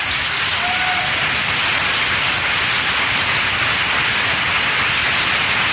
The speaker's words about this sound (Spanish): Jesucristo viene, el Rey de Reyes se acerca. ¡Oh, un fuerte aplauso a Dios!